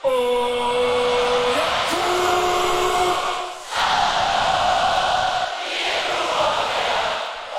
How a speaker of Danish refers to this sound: Og før jeg spiller sangen for dig, så vil jeg bare lige bevise for dig, at jeg har ret, når jeg siger, at rigtig mange har sunget med. Senest på Smukfest her forleden.